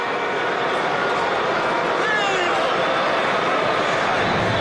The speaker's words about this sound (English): I don't think the fans are booing about the pickoff. I think they're booing about the pace for Senga.